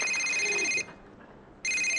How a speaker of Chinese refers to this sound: 哟，我岳父打电话来了，赶紧跟他老人家解释一下。